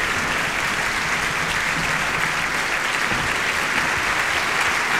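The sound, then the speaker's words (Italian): Steady, sustained applause from a large audience welcoming back conductor Maestro Quatrini, who greets the orchestra and bows, at a performance of Macbeth; a dense continuous wash of clapping hands at an even loudness throughout, with no voices standing out. “A questo punto il pubblico, immagino lo sentirete, è molto felice di accogliere il rientro del direttore.”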